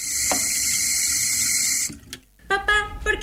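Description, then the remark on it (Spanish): A sink tap runs in a steady hiss of flowing water for nearly two seconds, then shuts off, followed by a few brief clinks and splashes as the water stops. “¿Cerrar la pila mientras no cepillamos los dientes?”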